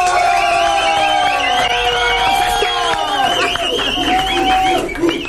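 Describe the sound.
A loud crowd applauds steadily, mixed with cheering voices and shrill whistles, for several seconds.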